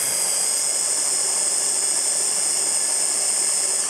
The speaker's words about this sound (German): So, und jetzt muss ich hier einmal wirklich alles ordentlich zu mixen.